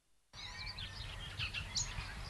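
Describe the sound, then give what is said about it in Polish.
Birds sing continuously after a brief silent start, with overlapping chirps and warbling trills over a low rumbling outdoor background, clear, in the village of Bogusławów. “Ptaszki śpiewają.”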